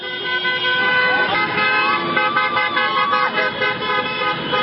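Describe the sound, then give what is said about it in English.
Car horns honk repeatedly and overlap as cars drive up and down the Champs-Élysées in Paris, with French fans celebrating France's World Cup quarterfinal win over Morocco: sustained tones blaring over a constant roar of traffic and crowd noise, loud throughout. “Yeah, on the Champs-Élysées, cars going up and down.”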